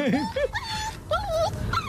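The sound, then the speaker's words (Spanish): A dog whimpers in a run of high, wavering whines, several drawn-out cries rising and falling in pitch one after another, clear over a low background rumble. “Pues está sufriendo este, pues el segundo.”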